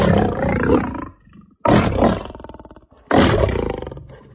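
A lion roars loudly three times in close succession, each deep, rumbling roar bursting in suddenly and fading into growling breaths, with no one speaking.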